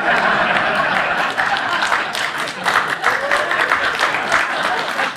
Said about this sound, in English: You applaud that.